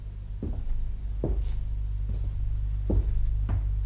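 A door opening by itself, heard as a series of five soft wooden clunks and bumps spaced about a second apart over a steady low rumble, with no one speaking.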